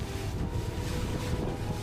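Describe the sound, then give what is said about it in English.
A lifeboat engine rumbles steadily beneath loud, gusting wind buffeting the microphone as the lifeboat crosses high waves to another trawler after a storm. It is a constant roar of motor, wind and churning water with no voices. “The crossing to the other trawler takes just under 5 minutes.”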